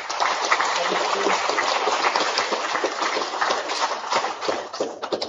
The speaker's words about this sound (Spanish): Un aplauso para ella.